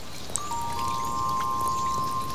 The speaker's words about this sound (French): il pleut, dit Malo.